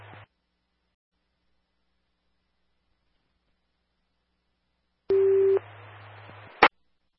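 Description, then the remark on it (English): After a long silence, a single short, loud radio dispatch information alert tone sounds over crackling static, which runs on briefly before ending in a sharp squelch click. “Again, Air Force One, information tones only.”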